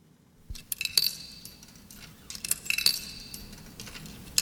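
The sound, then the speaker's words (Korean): Several bright metallic clinks and chinks come in two small clusters, like coins dropping into a vending machine, fairly quiet over a low background hum, at the opening of a song. “지금 자판기에 동전을 넣는 듯한 소리로 시작해요.”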